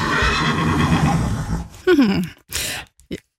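A horse neighs loudly: a long, quavering whinny followed by a falling call and a couple of short, breathy snorts before it falls silent.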